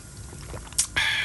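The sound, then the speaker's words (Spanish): A quiet sip of coffee from a cup: a brief wet slurp followed by a longer airy sucking sound, with no talking. “A ver, que me echo otro trago de café.”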